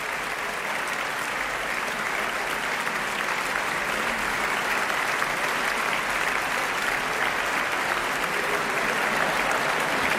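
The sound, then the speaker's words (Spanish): Sustained applause from the audience in the Sala Sinfónica of the Auditorio Nacional de Música, received live by the vocal soloists, Tan Dun and the Orquesta y Coro Nacionales de España, a dense, steady wash of clapping at an even loudness throughout, with no voices standing out. “Son ahora todos los integrantes de esta interpretación, solistas vocales, Tan Dun, Orquesta y Coro Nacionales de España, que reciben este aplauso aquí en directo en la Sala Sinfónica del Auditorio Nacional de Música.”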